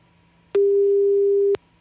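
A single steady ringback tone from an outgoing phone call sounds for about one second, clear and fairly loud, starting and stopping with faint clicks over a quiet line hum.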